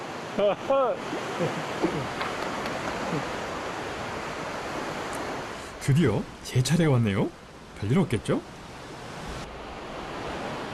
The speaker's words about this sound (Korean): 거센 계곡의 물소리를 들으며 무사히 볼일을 마쳤습니다.